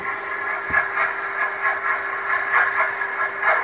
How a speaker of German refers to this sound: Das ist ein Überwasserdampfer, ein Containerschiff von wegen. Aha. Wo die Schraube so ein bisschen ins Wasser reinschlägt.